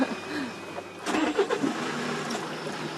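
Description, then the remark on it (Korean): An old-style Kia manual-transmission truck engine cranks and starts about a second in, then settles into a rough, rumbling idle, with no talking over it. “옛날 스타일 기아다, 이거. 뺏기하는 때. 트럭도 운전할 줄 아세요?”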